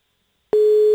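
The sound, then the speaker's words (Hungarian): After a moment of silence, a telephone ringback tone switches on abruptly: a steady, single-pitched electronic hum, fairly loud and clear, with no voices around it. “Még nem hallja, hogy csörög a telefon.”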